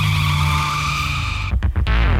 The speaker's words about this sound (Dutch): En als je dit geluid hoort... Ja, heerlijk is dat, hè? Kijk, heb je het gevoel dat je bijvoorbeeld op een motor zit